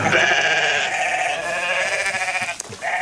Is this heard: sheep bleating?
yes